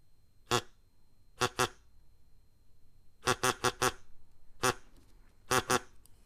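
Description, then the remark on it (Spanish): A duck quacks in short, nasal bursts, some single and some in quick pairs or a run of four, clear over a quiet background with no one talking. “haceros como un pato.”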